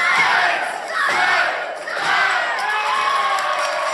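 A large crowd at a wrestling match shouts a count out loud in unison in German, 'eins, zwei, drei': three loud, roaring beats about a second apart, ending the bout, then sustained cheering and yelling.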